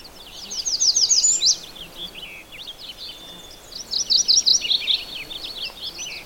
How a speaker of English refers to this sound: another bird singing, actually another two warblers singing in the midst of all this finch racket, is a redstart and a chestnut-sided warbler. The redstart just went tweet, tweet, tweet, tweet, kind of an emphatic song.